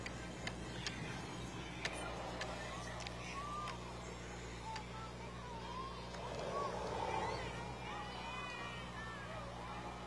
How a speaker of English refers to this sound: Cars continue to roll by 24th and Central. This is the Kearney Cruise Night. News Channel Nebraska. Great way to spend a Saturday evening on a hot but gorgeous evening here in Central Nebraska.